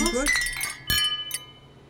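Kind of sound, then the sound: household object, glasses clinking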